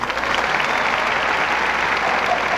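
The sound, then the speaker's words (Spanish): Sustained applause from an audience for the Jalapa Jazz Orchestra, a dense, steady wash of clapping that holds at an even loudness throughout, with no voices standing out. “Un aplauso, por favor, enorme para todos ellos.”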